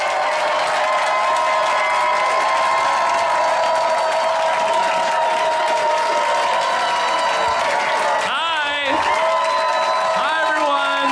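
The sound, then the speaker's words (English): A large comedy-show crowd applauds and cheers loudly and steadily for about eleven seconds, a dense wash of clapping and shouting voices, with a few rising whoops near the end. “Backstage time, the crowd is hot. They love you out there.”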